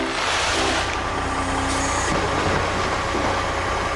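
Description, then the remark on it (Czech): A large truck engine idles with a steady, loud rumble, while a broad airy hiss like air brakes releasing rises over it. No one speaks. “nakladné auto?”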